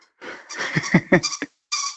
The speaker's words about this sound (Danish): Åh, det er en lille hund, der har et pivedyr. Den vil også gerne være med i radioen. Hvad er det for en hund? Ja, det er sådan en lille vaps.